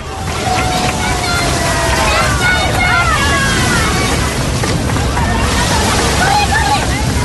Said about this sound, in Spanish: Pues casi donde rompía las olas, por ahí pasaba la imagen de la Virgen del Carmen. Sonido que escuchamos de fondo de lo vivido anoche en esa procesión marítima en La Caleta, en Salobreña.